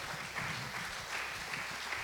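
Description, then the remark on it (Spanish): A church audience gives a strong applause to the Lord in a steady, dense wash of many hands clapping, sustained and fairly loud throughout with no voices standing out. “¿Cuántos pueden darle un fuerte aplauso al Señor, verdad?”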